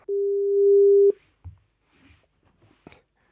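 A single steady telephone line tone, low and pure, holds loud for about a second while a call is placed, then cuts off into a few faint clicks and soft rustles.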